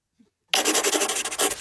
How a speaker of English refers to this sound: Apparently written in pencil. Sound like a quill. Can we get a quill one?